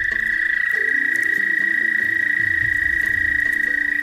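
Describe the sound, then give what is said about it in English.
An American toad's breeding trill rings out loud and unbroken, a steady high musical buzz that holds for the whole stretch, with faint lower murmurs of other calls beneath it, during the spring breeding season in the northeastern United States. “this time of year is the breeding season for American toads”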